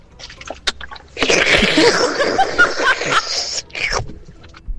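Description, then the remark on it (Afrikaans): Bathwater drains out of a bathtub with a loud gurgling and sucking rush lasting about three seconds, preceded and followed by a few faint clicks and splashes. “En sy moest na die tijd sê, is een bad wat uitap, by the way.”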